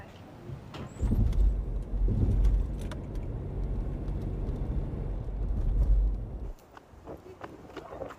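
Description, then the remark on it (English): A car engine rumbles for several seconds as a car arrives and parks, then shuts off, leaving quieter clinks and faint voices in the background. “A whole delegation. Oh, is this Texas? Yeah, Texas. Please, park your car.”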